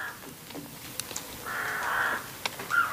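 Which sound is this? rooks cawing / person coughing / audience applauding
rooks cawing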